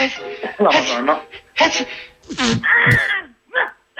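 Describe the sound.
A person imitates the sneeze of the sneezing dwarf from Snow White with a few vocal bursts: breathy build-ups, wailing tones and a sharp, noisy burst near the end, with brief pauses in between.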